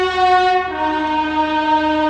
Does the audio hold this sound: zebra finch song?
no